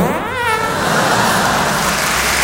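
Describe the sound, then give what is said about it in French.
A car engine revs up loudly, its pitch climbing quickly before settling into a steady, strained roar that fills the whole moment without pause. “Ah, tu l'as poussé ta bagnole de merde là.”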